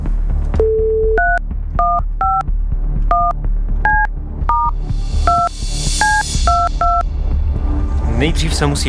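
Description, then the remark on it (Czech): A telephone keypad dialing a number to call a listener on Czech radio station Rádio Blaník: a brief low tone, then about a dozen short, clear beeps tapped at an uneven pace over a steady background rumble, with a burst of hiss near the end. “Ale nejdřív se musím dovolat.”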